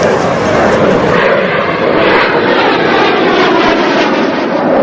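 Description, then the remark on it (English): A loud, steady roar of two jet planes streaking low overhead across the sky above a beach fills the whole stretch, a dense rushing thunder that barely changes in strength, with no voices heard. “On the beach, the pair pause to stare up at two jet planes streaking low across the sky.”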